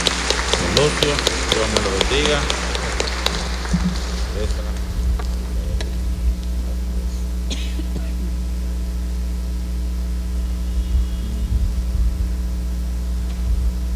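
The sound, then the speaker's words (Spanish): An audience at a Catholic Mass claps together for a married couple in a dense, crackling burst for about four seconds, then the applause dies away, leaving only a steady low electrical hum. “Le damos otro aplauso a nuestros hermanos.”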